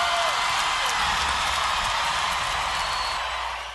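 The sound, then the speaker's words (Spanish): An audience applauds and cheers for a music performance in a dense, steady wash of clapping and crowd noise that holds for several seconds, then begins to fade at the very end. “¡Un aplauso más fuerte para esta evidencia, la música!”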